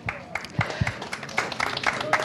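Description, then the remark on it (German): An audience applauds in a brief burst of scattered, irregular clapping at moderate volume, with a faint voice briefly audible underneath. “Ihr Applaus.”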